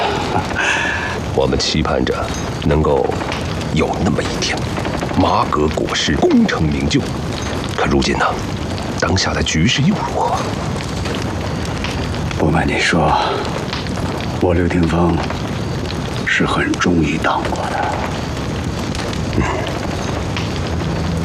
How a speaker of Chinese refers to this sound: 你听听这上游的枪声，离这儿远着呢，让他们打去呗。